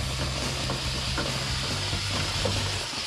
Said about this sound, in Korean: 에어컨 내부도 같은 방식으로 고압 세척기를 이용해 묵은 때를 싹 벗겨냅니다.